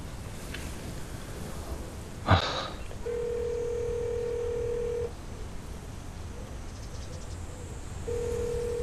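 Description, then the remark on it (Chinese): A sharp click is followed by the steady electronic ringback tone of a telephone call that goes unanswered. It sounds for about two seconds, pauses, then starts again, over a soft hiss of background noise with no one speaking. “你要不给谭大哥打个电话，谭大哥现在都副市长了。”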